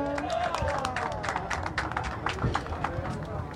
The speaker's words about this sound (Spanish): ¡Qué bien! Un aplauso a ver toda la gente que está por acá. Ustedes no los ven, pero hay bastantes personas con estos pequeños que van a ser parte también del concurso infantil del torneo de Joropo.